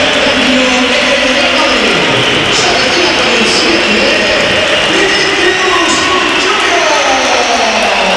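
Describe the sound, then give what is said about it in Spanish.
A huge stadium crowd at a Real Madrid football match whistles loudly and continuously for several seconds as Vinicius is substituted in the 86th minute, a dense shrill roar with wavering tones rising and falling over the steady wash of crowd noise. “Bella pitada.”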